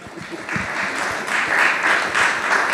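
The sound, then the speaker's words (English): Steady audience applause fills the space, a dense wash of many hands clapping at once, building slightly and sustained throughout without speech on top. “Another round of applause, I think, for Shiv and the golf clubs”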